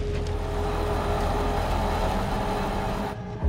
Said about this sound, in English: Let's just listen to the engine note. Oh yeah, that sounds sick as a dog now, doesn't it?